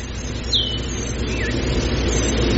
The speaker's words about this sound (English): I hear an airplane.